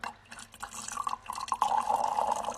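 Wine being poured into goblets: a trickling gurgle of liquid that swells and steadies into a continuous filling sound, with no voices.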